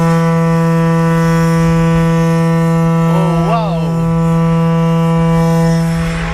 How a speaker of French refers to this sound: Alors ici, on vient d'entendre une corne de brume de 6,50 m de long, de 1,20 m de diamètre à l'embouchure.